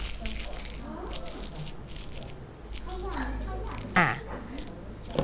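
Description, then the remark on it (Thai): Thin kite paper being crumpled and scrunched by hand, a steady run of crackling and rustling with a sharper crinkle near the end, while a woman talks over it, showing children how to crumple it. “นี่คือกระดาษว่าวสิ่งที่ให้เด็กๆทำเด็กๆนะคะเอามือทำอย่างไร ขย ำเดี๋ยวจะขยำให้ดูเด็กๆตั้งใจมอง”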